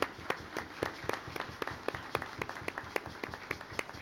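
applause

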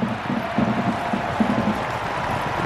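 horses trotting

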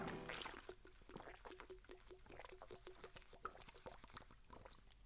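drinking water

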